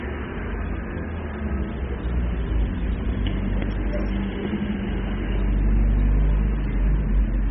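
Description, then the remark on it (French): Three cars pass along Boulevard Saint-Germain, a steady low engine rumble and road hiss that swells louder toward the end as a vehicle goes by. No voices are heard. “trois voitures, un oiseau qui passe dans le ciel.”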